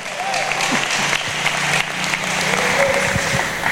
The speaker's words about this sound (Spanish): Dele fuerte ese aplauso al Señor esta noche.